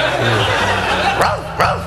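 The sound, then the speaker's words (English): A dog barks twice, two sharp woofs about half a second apart, over a low, steady background murmur. “Smelly old dog. Come here, Yeller. Come here, boy.”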